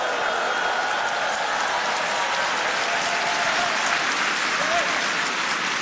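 A large audience claps steadily for the Far East Broadcasting Company united children's choir at the 2026 Nara Sarang (patriotism) festival marking the station's 70th anniversary, a dense, even wash of applause sustained at a constant level throughout, with a faint murmur of voices beneath it.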